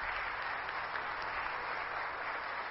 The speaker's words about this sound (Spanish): El grupo de danza de Nuestra Señora de Guadalupe, también todas ellas que aquí están, ustedes un fuerte aplauso también.